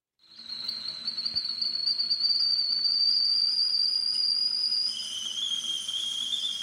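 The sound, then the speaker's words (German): A tea kettle whistles alone on a hot day, in a steady, high-pitched tone that rises slightly, then splits into a shriller layered whistle with a lower second pitch near the end. “Tja, ein Geräusch, das vielleicht viele als Wintergeräusch einstufen würden, aber mein Teekessel pfeift auch an solchen heißen Tagen wie heute, denn da trinke ich besonders gern warmen oder lauwarmen Tee”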